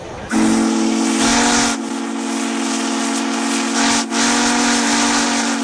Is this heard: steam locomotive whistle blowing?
yes